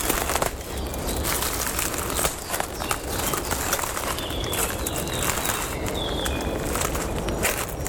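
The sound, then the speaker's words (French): Slow footsteps crunch and snap over dry twigs and brittle branches in a conifer undergrowth, steady, with a faint bird chirp briefly audible in the background. “Une multitude de brindilles. De branches desséchées. Sous mes pieds.”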